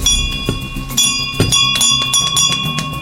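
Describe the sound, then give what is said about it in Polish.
A victory bell of gratitude, donated by the Fundacja Matka We Love foundation, rings out repeatedly in a hospital neonatology clinic, fairly loud, with quick irregular strikes over a sustained bright metallic tone that keeps humming between hits; no one speaks. “Gdy dowiedziałam się, że jest taka inicjatywa Dzwonów Zwycięstwa, nie ukrywam, że moim takim marzeniem było, aby ten dzwon zawiózł właśnie na tym oddziale, ponieważ sama miałam okazję tutaj przebywać”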